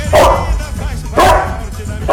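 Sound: dog barking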